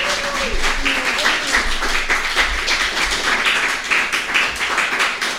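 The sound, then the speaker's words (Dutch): An audience applauds steadily, a dense wash of many hands clapping at a loud, even level throughout, with faint voices murmuring underneath. “Oh, echt applaus. Echt applaus.”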